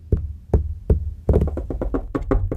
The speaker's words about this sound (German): Ja, damit keiner merkt, wenn ich mit den Fingern klopfe, muss ich, glaube ich, noch ein bisschen üben.